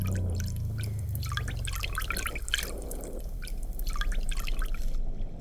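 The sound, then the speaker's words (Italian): Water drips and trickles steadily from rotting coconut husks pulled out after a month soaking in the sea, a busy patter of droplets over a low watery rumble, with no voices. “Finalmente emerge qualcosa. Oggetti marcescenti, imbevuti d'acqua e vagamente familiari.”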